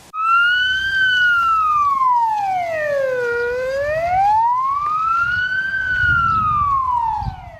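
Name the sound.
police car siren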